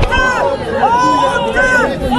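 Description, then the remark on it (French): A loud crowd of residents boos and jeers French Prime Minister Sébastien Lecornu on his arrival during a visit to a village hit by wildfires in Gironde, France, many voices overlapping in a steady roar, with sustained shouted tones swelling and falling throughout. “Sébastien Lecornu hué à son arrivée au port, venu calmer la colère des habitants traumatisés par les incendies, voilà qu'il l'exacerbe.”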